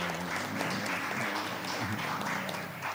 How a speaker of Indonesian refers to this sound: Kalau saya minta tepuk tangan, nanti tepuk tangannya yang sungguh-sungguh.